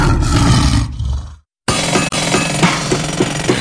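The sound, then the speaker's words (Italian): A loud lion roar with a rough, rumbling growl that cuts off abruptly, then after a brief silence a second harsh roaring burst carries on to the end. “San Marco Petroli, ci riconosci dal leone.”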